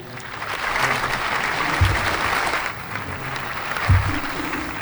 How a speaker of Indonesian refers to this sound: Nah, kasih lagi tepuk tangan. Banyak penonton. 27 penonton, terima kasih.